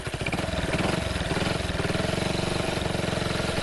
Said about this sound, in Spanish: Che, ¿no le arranca ahí la moto?